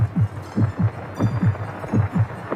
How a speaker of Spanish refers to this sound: Estos son los latidos de un agonizante.